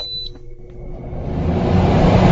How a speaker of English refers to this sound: Oh, I actually feel cooler just with that little beep sound there.